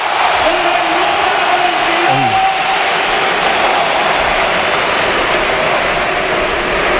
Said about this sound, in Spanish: La ovación a Isco en la Real.